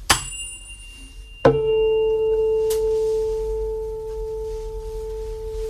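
A tuning fork is struck with a sharp tap against a hard object to tune a guitar, then a loud, steady pure tone at the pitch A rings out and sustains for several seconds, fading only slightly. No one speaks.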